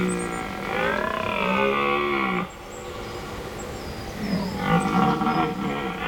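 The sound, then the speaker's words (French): A red deer stag (Cervus elaphus) bellows twice at night in a forest, in long, deep, harmonic roars, the first sustained for about two seconds, the second rising after a short pause, with no talking. “J'y suis, c'est le cerf élaf. Le cervus élaphus en latin.”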